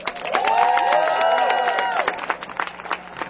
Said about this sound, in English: Let's clap them up.